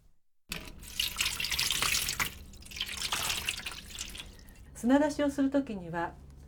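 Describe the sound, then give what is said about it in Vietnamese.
Water pours steadily over live clams for several seconds, soaking them so they release their sand and grit. It is a rushing hiss that fluctuates slightly, then stops as a person begins speaking briefly. “Trước tiên thì chúng ta phải ngâm ngao sống vào nước để chúng nhả hết cát và sạn.”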